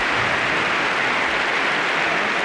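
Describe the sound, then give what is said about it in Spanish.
A stadium crowd of about 70,000 Atlético fans applauds the whole team and Cholo Simeone in a dense, steady wash of clapping that stays loud and even for the whole few seconds, with no voices standing out. “Aplaude todo el público, aplaude a todo el equipo, aplaude también al Cholo Simeone.”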